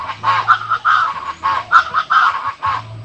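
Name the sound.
birds singing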